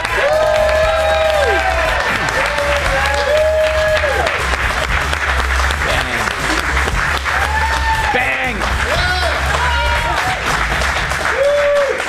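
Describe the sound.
A studio audience applauds and cheers loudly and steadily for about twelve seconds as Fox News anchor Chanley Painter is introduced on the show, a dense wash of clapping with whoops and shouted voices rising above it.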